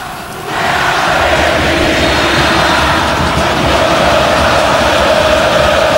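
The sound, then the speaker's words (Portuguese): A football stadium crowd of Grêmio fans roars at the arena during a Campeonato Brasileiro match between Grêmio and São Paulo, in a dense, steady wash of noise that swells up after a brief quieter moment and holds loud and constant, with no distinct voices standing out. “Olha o som da arena.”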